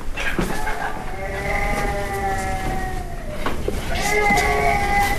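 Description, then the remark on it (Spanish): A baby who has just woken up cries over a baby monitor in sustained, wavering wails with strong harmonics, pausing briefly before a louder burst of crying, all over a steady background hiss. “Vamos a ver los monitores. Fuera, sí, está llorando, está efectivamente.”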